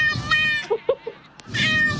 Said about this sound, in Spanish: Porque mira, escucha nada más, está un gato también que siento como que le diste licor. Escucha lo que dice el gato, porque siento que lo has hecho adicto a la cerveza. Escucha.